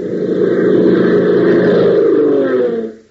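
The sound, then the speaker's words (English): A borrowed car's engine hums steadily as it drives down a dark road over a black mesa, heading to an underground aircraft plant, a loud, continuous low rumble that holds for a few seconds before quickly fading out. “In a car borrowed from one of the oil men who helped them after the crash of their Piper Cub, Pop and Tank drive down a dark road”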